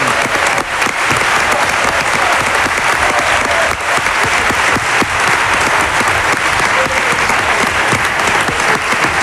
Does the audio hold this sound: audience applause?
yes